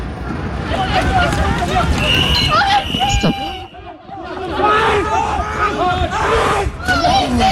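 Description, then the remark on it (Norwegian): A loud riot crowd shouts and yells in the street during protests in French cities, with fireworks fired at police and fires in the streets, many voices overlapping in a constant roar with sharp cries rising above it, briefly dipping before surging back. “Slik har det sett ut i flere franske byer den siste tiden. Med fyrverkeri mot politiet, branner i gatene og elever som løper fra tåregass.”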